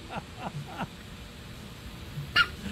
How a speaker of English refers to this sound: I was staring at a duck on Facebook Reels, and the caption reads, "Did you know that ducks can get the hiccups just like us?" Well, I do now, and here's what a duck with the hiccups sounds like. I think that was a sprinkler, too.